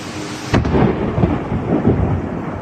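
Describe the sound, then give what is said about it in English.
A sudden, very loud crack of thunder from a close-up lightning strike, estimated at about a fifth of a mile away, bursts in, then rolls into a heavy, sustained rumble. No voices are heard. “This is an amazing video of a close-up lightning strike.”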